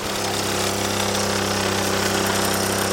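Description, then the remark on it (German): A Solex moped engine, a model marking its 80th year, runs steadily after being started by lowering the motor, opening the throttle, pressing the decompressor and taking a run-up; a loud, rattling two-stroke buzz holding an even pitch throughout, with no voices over it. “Also, ich muss einfach den Motor runterlassen, Gas geben, den Dekompressor hier drücken, Anlauf nehmen und dann geht es los.”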